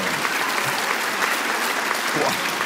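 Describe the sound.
A crowd applauds steadily, a dense, continuous wash of many hands clapping at an even, fairly loud level for a few seconds, with faint voices mixed in.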